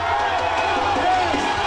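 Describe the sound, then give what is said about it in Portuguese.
Brazil football fans in a bar, watching a World Cup match, make a dense, steady roar of cheering and shouting voices, a loud unbroken wall of crowd noise with no single voice standing out. “E a empolgação era tanta que o bar parecia arquibancada.”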